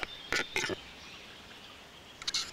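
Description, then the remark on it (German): A capercaillie's courtship display in the Harz: two sharp, dry clicks spaced apart, a pause, then a quicker rattling pair of knocks, over a steady outdoor hiss. “Das Balzritual des Auerhahns gehört zu den beeindruckendsten der heimischen Vogelwelt.”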